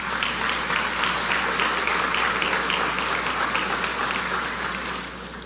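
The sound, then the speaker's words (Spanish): Steady, sustained applause from a large crowd at a university graduation ceremony, honoring rector Monseñor Carlos Tomás Morel and vice-rector Francisco Antonio Jiménez, a dense wash of many hands clapping at once that holds evenly loud for several seconds before easing slightly at the end, with no voices. “Este legado sigue vivo y acrecentado por Monseñor Carlos Tomás Morel, rector y gran canciller, y el reverendo padre don Francisco Antonio Jiménez, vicerrector ejecutivo, para quienes les pido de nuevo un más fuerte aplauso aún.”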